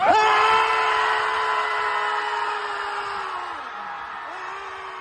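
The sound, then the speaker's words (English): A crowd of people lets out one long, loud, sustained scream together on a countdown to vent their frustrations, starting abruptly at full force and holding for several seconds before a few voices trail off and others carry on. “Sometimes you just got to scream and just let it out.”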